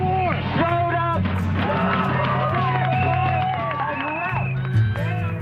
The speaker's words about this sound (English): When the counter-protesters realized that the Nazis were no-shows, they rejoiced.